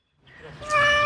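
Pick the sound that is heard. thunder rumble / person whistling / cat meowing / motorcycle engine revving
cat meowing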